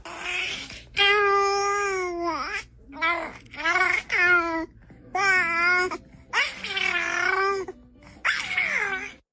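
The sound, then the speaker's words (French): A three-month-old baby babbles in a series of drawn-out, sing-song vocal coos and squeals, fairly loud, with brief pauses between each burst and no adult speech. “Après, c'est un bébé qui babille, un bébé de 3 mois.”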